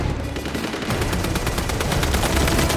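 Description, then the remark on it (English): Rapid bursts of gunfire rattle continuously, a dense stream of sharp cracks and pops over a low rumble, like automatic weapons firing, raining down on a building's rooftop, with no voices heard. “She ducks as gunfire rains down on the roof.”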